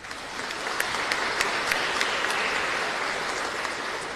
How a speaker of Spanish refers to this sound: Agradecemos también a los apóstoles que hoy nos ayudaron en el rezo del Santo Rosario. Muchísimas gracias y le agradecemos con aplauso.